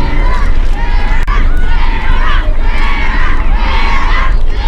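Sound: crowd cheering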